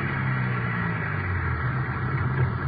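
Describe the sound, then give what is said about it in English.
A car's engine hums steadily as it pulls in to park at the city hall at 5:15 p.m., a constant low rumble with a broad hiss over it and no voices. “5:15 p.m., we got back to the city hall. The car pulled.”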